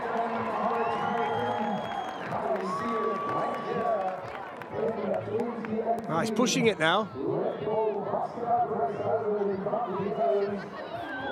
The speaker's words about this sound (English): They're all cheering him on today. It's a fantastic atmosphere around any Red Bull soapbox event. It's been brilliant here today.